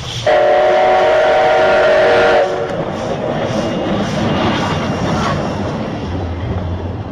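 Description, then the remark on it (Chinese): A steam train's whistle blasts loudly and steadily for about two seconds, then gives way to the rumbling, rhythmic clatter of wheels rolling along the track. “这是蒸汽火车汽笛和轨道的行进声音。”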